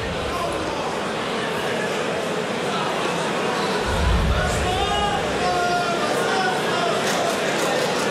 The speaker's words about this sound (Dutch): Ja, dat is een knappe laatste pijl van Maras Rasma. Daarom ook terecht even het juichen.